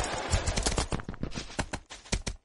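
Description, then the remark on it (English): Horse hooves clip-clop in a video game while the player rides a horse, in a quick, steady rhythm, fairly loud, with sharp repeated strikes and no voices over them. “I was pulled into a fucking scene somehow. While on a horse.”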